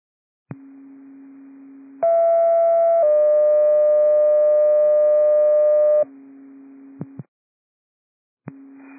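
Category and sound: signal or alarm, dispatch pager alert tones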